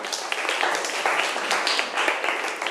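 A class of students in a classroom claps together in a dense, steady burst of overlapping hand claps, sustained and fairly loud for a few seconds, applauding a classmate's answer about Thailand's constitution.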